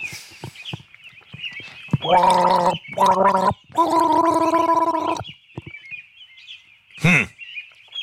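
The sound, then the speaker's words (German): Someone gargles a short, non-classical tune of three bubbly, pitched notes, the last held longest, fairly loud, with faint chirping in the background and a brief squeak near the end. “Du bist ein bisschen, bist schon sehr knausrig geworden beim Gurgeln.”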